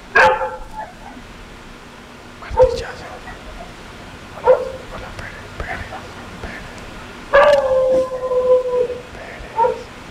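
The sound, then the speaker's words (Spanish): A dog barks in sharp, scattered bursts, about five over ten seconds; one longer, drawn-out yelp-like cry stands out near the end, moderately loud. “Y en un momento también sentí yo como si esa entidad fuera la que le gruñera al perro también.”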